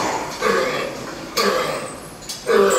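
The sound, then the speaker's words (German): A pig coughs in three harsh, dry bursts spaced about a second apart, each a rough, strained, deep-seated, non-productive hack with a wheezy edge as the pig presses its flanks together to cough; no talking. “Tiefsitzenden, nicht produktiven Husten. Der keucht richtig.”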